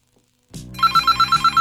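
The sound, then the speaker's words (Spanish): A telephone rings loudly, its electronic ringtone pulsing in a quick steady series of bright beeps after a short moment of silence. “Ah, caray, mi teléfono suena muy fuerte.”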